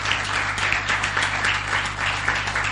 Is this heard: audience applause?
yes